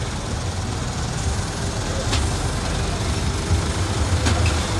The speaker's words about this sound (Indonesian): Truk-truk yang bergerak pelan, tapi saya belum bisa tahu juga ini di mana.